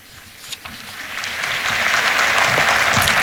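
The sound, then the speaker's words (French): English-speaking pilgrims applaud: applause from a large crowd swells steadily, starting thin and building to a dense, sustained roar of many hands clapping, with a few faint cheers scattered through it and no talking. “Et les pèlerins applaudissent, les pèlerins anglophones.”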